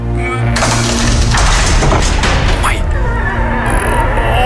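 A heavy door is opened with a loud, drawn-out grinding creak and rumble lasting a couple of seconds, then it settles over a low sustained hum; played on a morning radio show as opening the door of the new day, Wednesday 23 September.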